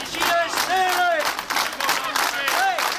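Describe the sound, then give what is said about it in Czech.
Employees at a demonstration in the courtyard of the Poldi steelworks in Kladno chant in unison, rising and falling in loud rhythmic shouts, with scattered clapping and cheering mixed into the sustained roar. “Tímto pokřikem byla dnes zakončena manifestace zaměstnanců na nádvoří kladenské Poldy.”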